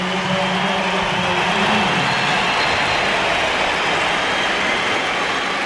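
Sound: stadium crowd ovation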